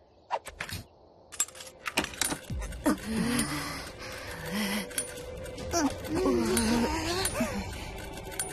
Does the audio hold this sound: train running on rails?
no